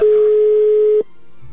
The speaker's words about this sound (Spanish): Venga, vamos a marcarle. Sí, ya está sonando el teléfono de tu esposa, amigo. Esperemos que nos pueda tomar la llamada.